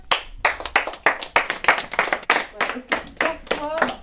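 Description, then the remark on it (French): A group of people clap their hands together in a steady, fairly rhythmic burst of applause lasting a few seconds, with some voices mixed in. “Voilà, quand il y a quelque chose de bien, qu'on se rappelle, ben, on applaudit.”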